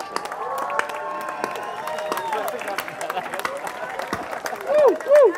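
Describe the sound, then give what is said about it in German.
A festival audience applauds steadily for one of the organizers, dense clapping mixed with cheering voices, and a few rising whoops stand out toward the end. “Bitte einen riesengroßen Applaus an meine Kollegin.”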